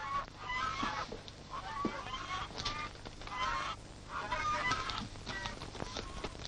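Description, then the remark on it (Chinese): Geese kept at a temple as guards honk loudly and repeatedly while people outside provoke them, their harsh, nasal calls overlapping in an agitated, continuous clamor with no voices. “哦，外边有人斗鹅呢，我出去看看。”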